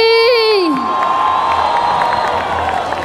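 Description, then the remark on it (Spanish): A large crowd at the Fiesta de Petronio in Cali cheers and applauds loudly and without pause, opening with a high, sustained whoop that slides downward before dissolving into a dense, steady roar of clapping and shouting, applauding children performing traditional Pacific music. “Y con este fuerte aplauso y la del Pacífico, gracias por tanta alegría.”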